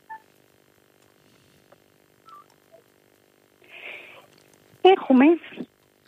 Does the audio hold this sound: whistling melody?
no